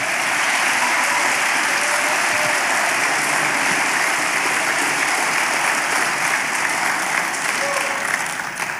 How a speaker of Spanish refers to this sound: Aplauda por eso, ¿verdad?